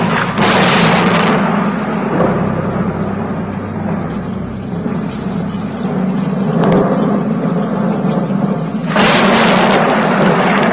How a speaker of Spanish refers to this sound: Bramaban las nubes, los truenos se sucedían unos a otros, se acercaba una terrible tormenta con intenciones de arrasar a la ciudad y a la parroquia.